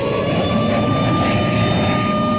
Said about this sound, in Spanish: Y despegaban de las pistas en medio de un ruido ensordecedor.